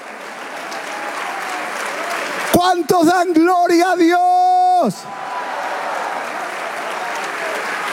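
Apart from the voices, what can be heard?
audience applause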